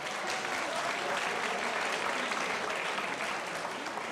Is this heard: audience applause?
yes